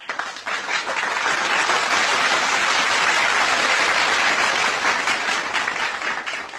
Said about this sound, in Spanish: Para ellos, aplausos.